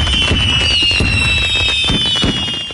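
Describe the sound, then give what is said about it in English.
Fireworks explode in a rapid, crackling barrage, several sharp bangs overlapping with whistling rockets streaking high above, loud, with no talking. “stock up early and light up the night sky with Boomers Fireworks in West Terre Haute.”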